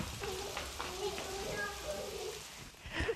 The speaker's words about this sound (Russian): Скорее, прячемся в домике. Дождик, дождик, убегаем.